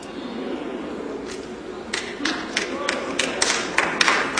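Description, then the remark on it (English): Scattered claps from an audience, a few hands starting up and building into an irregular patter of sharp, bright slaps over a low murmur. “Clap if you want to clap.”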